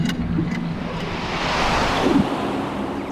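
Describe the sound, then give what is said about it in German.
A steady rushing whoosh of an air current through a hole in an earth cave swells gently and fades, broad and noisy, continuous throughout with no voices. “Wir zwängten uns in das Loch und ein Luftstrom nahm uns mit.”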